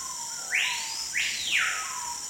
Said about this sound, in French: Pourtant, ce petit oiseau difficile à voir ne vit qu'en Amazonie. Bassin amazonien.